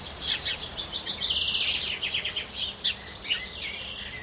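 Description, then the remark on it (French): Several birds sing and chirp at once in woodland, a steady overlapping chorus of quick, high trills and tweets at moderate volume, with no voices. “Une toute petite ferme à toit rouge au milieu d'un bois plein d'oiseaux.”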